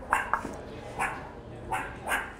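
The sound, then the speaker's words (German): Hungry meerkats call in a quick string of short, sharp yipping chirps, about five bursts spaced unevenly over a couple of seconds, with no one talking. “Keine Frösche, sondern die Erdmännchen. Und hungrig wie die Wölfe.”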